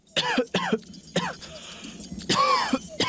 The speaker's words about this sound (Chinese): 咳嗽超过几周都不好，这可能是肺功能受损了